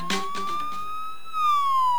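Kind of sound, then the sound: signal or alarm, police siren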